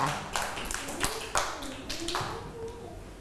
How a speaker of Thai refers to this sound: เก่งมากๆเลยค่ะเด็กๆปรบมือ